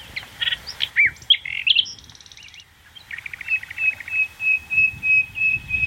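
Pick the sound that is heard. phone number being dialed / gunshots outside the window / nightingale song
nightingale song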